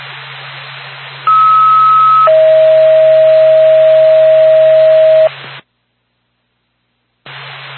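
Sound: radio dispatch alert tones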